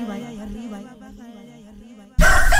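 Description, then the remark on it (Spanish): A rooster lets out a single long, wavering crow, clear, before a sudden loud burst of noisy sound abruptly cuts in at the end. “Si el gallo ya hizo su chamba, nosotros hacemos la nuestra.”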